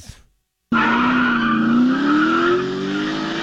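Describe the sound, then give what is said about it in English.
After a brief silence, tires suddenly screech into a loud, sustained squeal over roaring engine noise, the pitch wavering as cars skid hard during a chase through villages at high speed, one of them a 2023 Ford F-150. “Now they're driving through the villages at high rates of speed. I don't know if you have the sound of that, by the way.”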